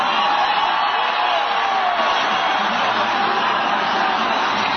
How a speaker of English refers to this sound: But listen to these crowds. Ladies and gentlemen, Air Force One.